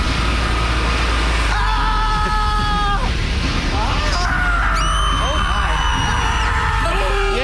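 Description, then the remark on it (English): A voice mimics a factory full of screaming: long, strained, high-pitched wails rising and overlapping in layers over a steady low droning hum, loud, with no spoken words. “What would a screamery sound like? It'd be a horrible place to work. Imagine you walk into the screamery.”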